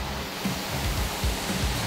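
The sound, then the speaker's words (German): A steady, loud rush of water blasting from a fire truck's water cannon during a test, the truck's tanks holding 12,500 litres of water and 800 litres of foam; a constant hissing spray with faint low rumbles underneath and no voices. “In den Tanks sind 12.500 Liter Wasser und 800 Liter Schaum. Und die werden jetzt getestet.”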